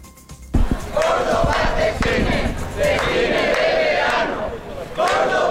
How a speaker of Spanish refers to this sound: Y estos son los sonidos de la protesta ayer del grupo SOS Cines de Verano Córdoba.